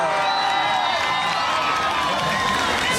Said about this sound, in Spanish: Con nosotros vamos a recibir con fuertes aplausos al general del pueblo, al futuro alcalde de Lima, Daniel Urresti Herrera.